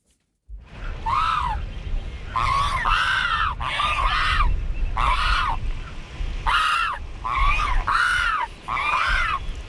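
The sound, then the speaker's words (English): Brown pelican chicks give a run of loud, harsh, squawking calls, about eight rising-and-falling cries in quick succession over a low, rumbling background. “So that's the brown pelican.”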